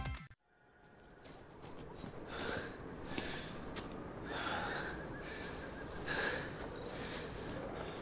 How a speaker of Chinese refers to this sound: 跑这么两步喘成这样， 你虚啊！